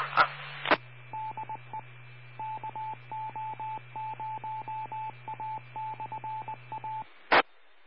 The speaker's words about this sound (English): hey, my wife's calling me. I got to answer the phone.